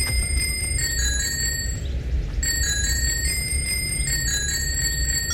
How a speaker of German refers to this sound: wir spielen eine neue Runde des Fahrradklingel-Quiz. Ihr könnt sehr gerne wieder mitraten, welcher Song wird hier geklingelt?